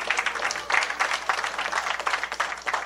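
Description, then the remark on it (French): An audience applauds a woman introduced as a guest on a broadcast program, many hands clapping in a dense, continuous patter that swells slightly in places and fills the whole moment at moderate loudness. “on applaudit”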